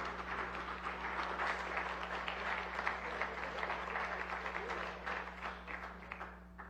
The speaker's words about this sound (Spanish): Y bueno, aplauso fuerte porque es nuestro anfitrión del décimo aniversario.